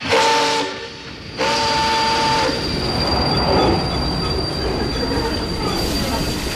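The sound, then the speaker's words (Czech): Train wheels screech against the rails in two loud, high-pitched squeals over a steady rumble of rolling railcars, the grinding continuing as the train moves. “Tak si uděláme výlet a pojedeme vláčkem.”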